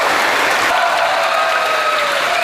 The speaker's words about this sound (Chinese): 场内爆发出了阵阵掌声和欢呼。